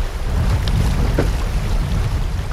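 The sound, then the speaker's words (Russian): Water sloshes and slaps against the side of a river raft in Pieniny park, rocked by waves from passing kayakers, over a steady, low, rumbling wash, with a couple of brief brighter splashes standing out. No one speaks. “Вода бьется об борт.”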